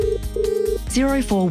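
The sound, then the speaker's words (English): A telephone rings with two steady electronic tone bursts, fairly loud, then a voice comes on as if answering the call. “Clear, practical advice to help you make the best loan choices starts with a simple phone call.”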